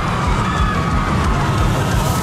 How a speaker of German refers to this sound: Hörst du die neue 107.7 Gewinner-Achterbahn?